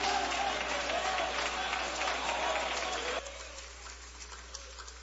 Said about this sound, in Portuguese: mas vamos fazê-lo com aplauso bem forte para Jesus.